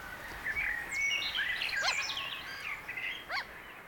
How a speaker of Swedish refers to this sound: Just nu så är det mest måsfåglarna som är och tar sig en nattmacka här. Vi har kanske 1 eller 2 plusgrader. Det är mycket kyligt. Ganska mörkt har vi också. Vi har ju 2 timmar till gryningen.